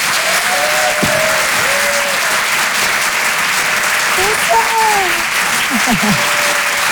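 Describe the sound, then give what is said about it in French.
Loud, sustained audience applause at the Rire et Chanson Comedy Club, live on the stage of the Apollo Théâtre in Paris, for comedian Marine Leonardi, fills the whole stretch as a dense, steady wash of clapping, with a few faint cheers and whistles rising above it. “Et je vous demande un tonnerre d'applaudissements, s'il vous plaît, pour Marine Leonardi.”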